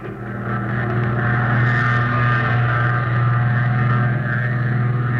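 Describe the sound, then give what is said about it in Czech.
A propeller aircraft engine starts up, quickly swelling into a loud, steady droning roar with a strong low hum that holds evenly for several seconds. No voices are heard. “Tak ho zapněte na motor.”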